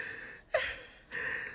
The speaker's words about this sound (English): Oh. Please. stop crying.